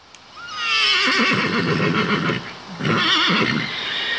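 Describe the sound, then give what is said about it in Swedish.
A horse at a stable in Sibbo whinnies loudly in two long, wavering calls separated by a short pause, with faint background noise and no voices. “Jag har nog alltid haft hästar.”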